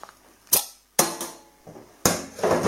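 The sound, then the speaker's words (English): The compass-printed cap of a bottle of 4.5% ABV premium lager from Lapland pops off with sharp metallic clicks, three crisp bursts spread over a couple of seconds, each trailing into a soft fizzing hiss of escaping carbonation. “There's the bottle cap with a compass.”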